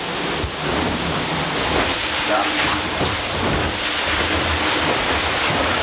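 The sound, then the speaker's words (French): Loud, continuous rushing of water and hissing spray as a sailboat accelerates through the waves, with a single brief spoken word over the noise. “Il y a d'abord le bruit du bateau qui accélère dans la vague.”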